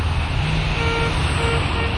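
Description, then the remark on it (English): Steady roar of road traffic with low engine rumble, and a couple of faint, short car horn toots sounding beneath the noise. “No traffic to negotiate.”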